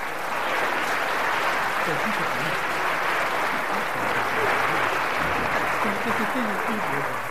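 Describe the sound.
An audience applauds after a song, a dense, steady wash of clapping that holds at the same level throughout, with faint voices murmuring and calling out underneath.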